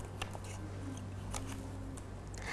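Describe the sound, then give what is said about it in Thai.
Scissors snip through colored paper, cutting it into small straight strips for decorating a paper snail's shell, in several quick, crisp cuts, fairly quiet, with a steady low hum in the background and no talking. “เด็กๆนะคะสามารถใช้กรรไกรค่ะตัดกระดาษสีออกเป็นเส้นตรงเล็กๆก่อน”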